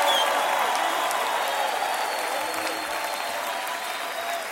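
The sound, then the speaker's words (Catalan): An audience applauds and cheers in acclamation to God, a steady, dense wash of clapping that holds loud and even for the whole stretch, with crowd voices blended into the noise. “Oh, vamos, levanta esa aclamación a Dios.”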